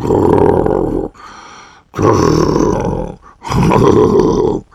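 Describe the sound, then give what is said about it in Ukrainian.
A person imitates loud, exaggerated snoring: three rough, rumbling snorts of about a second each, separated by short, quieter breaths. “Він подумав хвильку і додав, або знаєш, що зроби, почни тоді сам, що сили хропти. Десь так.”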